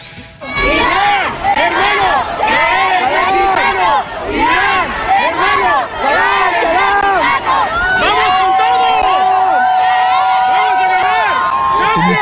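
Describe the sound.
A large crowd in Tijuana, Baja California, chants in unison to see off Iran's national football team as it boards its bus for its debut match against New Zealand: loud rhythmic voices rising and falling in repeated phrases, with cheering and shouts mixed in throughout; a sustained whistle-like tone joins near the end.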